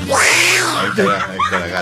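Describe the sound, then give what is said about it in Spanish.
A person does a drawn-out vocal meow, imitating a cat, with a rising and falling pitch, followed by a few shorter mewing sounds, fairly loud. “Ahí está la gata.”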